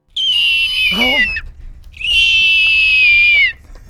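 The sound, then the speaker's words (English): A person from Falmouth voices two loud, drawn-out, piercing screeches mimicking a hawk's cry, the first wavering and dropping at its end, the second long and steady, each strong against near silence. “imitating a hawk.”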